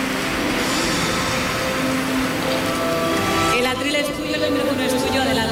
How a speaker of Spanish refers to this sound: Está ahora mismo posando para los compañeros de la prensa gráfica, muy sonriente, con el premio en la mano, y este gran aplauso de las 1.300 personas que están llenando este salón en esta jornada del 75 aniversario del Premio Planeta.